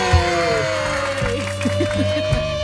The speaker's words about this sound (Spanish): Damas y caballeros, bonito el aplauso de la mesa 3.